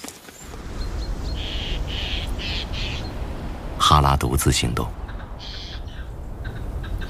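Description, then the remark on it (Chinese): Harsh, rasping magpie calls come in several short bursts, with one louder chattering outburst midway, all under a man's steady Mandarin narration about a male lynx out hunting in its territory. “他必须确保自己不会被爱通风报信的喜鹊发现。”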